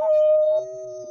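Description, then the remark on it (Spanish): A man's voice imitates a wolf howl, the cry he gives when presenting himself on stage, holding one steady, high-pitched note for about a second, loud, with no other sounds around it. “Oye, y hay el gritito del lobo cuando usted se presenta, sí, en el escenario.”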